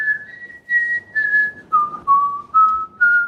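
Someone whistles a short tune, a clear, fairly high-pitched line of sustained notes stepping down and back up in phrases, with brief breaths between them and no talking.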